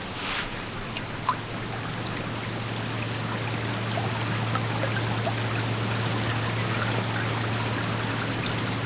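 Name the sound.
flowing river water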